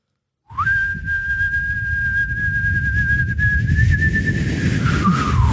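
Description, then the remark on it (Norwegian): A person whistles one long, steady note for about five seconds, holding the pitch nearly level before it dips at the end, over a constant low rumble of background noise. “For han plystret ikke på slutten.”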